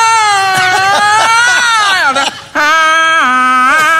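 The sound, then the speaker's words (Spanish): A voice imitates alarms crying with a loud, wailing cry, holding a long quavering tone that slowly falls, breaking off briefly before starting another sustained, steadier wail. Prominent, with no other sounds. “Y de pronto, claro, en el cajón una alarma. Y empezaron las otras y llegaron llorando.”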